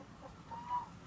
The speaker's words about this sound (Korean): 닭들이 물려서 죽는 경우 있지만 닭들이 놀래서 자기들끼리 막 몰려다니면서 자기들끼리 부딪히고 자기들끼리 깔아 뭉기고 한쪽으로 몰리다 보니까 그래서 죽는 닭들이 엄청 많아.